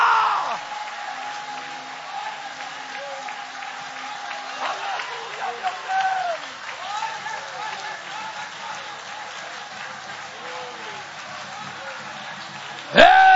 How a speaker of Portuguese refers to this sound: Só você que tem e carrega esta presença, aplaude, louva, exalta, glorifica!